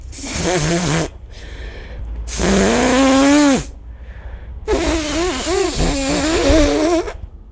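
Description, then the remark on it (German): Three loud, honking nose blows during a Radio PSR prank phone call, each a long buzzy blast with a wavering, trumpet-like pitch, separated by short pauses. No one speaks. “Ne, dann muss ich mehrmals schnauben, oder? Dann halt, Schnauben? Was ist denn das? Ganz normal sich Nase putzen.”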